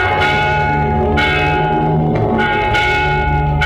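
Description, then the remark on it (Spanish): A church bell calls the choir to matins prayer, ringing loudly with deep, sustained tones that strike in a slow, steady rhythm and a long shimmering hum between strokes. No voices are heard. “Es la campana que llama a coro para el rezo de maitines.”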